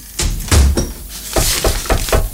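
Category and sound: household object, door slammed shut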